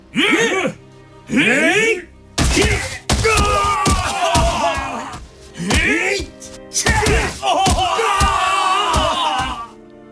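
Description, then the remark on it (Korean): Sharp, hard wooden smacks as guards strike sailors' buttocks with long, flat wooden sticks on the order of the Jeju magistrate, one blow after another, each followed by the sailors' loud, wavering cries of pain. The screams rise and fall in pitch between the irregular blows. “형졸들은 납작하고 기다란 막대기로 선원들의 엉덩이를 내리치기 시작했다. 선원들이 비명을 내질렀다.”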